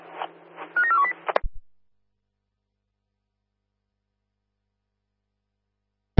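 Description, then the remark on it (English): A quick run of touch-tone beeps as a phone number is dialed to call an office, over a low hum, followed by a sharp click and then a long silence ending in another click. “Yeah, we are just getting in the office, just dial now, over.”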